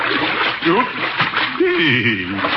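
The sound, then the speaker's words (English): Steady splashing as someone wades through shallow water out to a boat, the sloshing continuous, with people talking and chuckling over it. “Mind if I wade out to the boat?”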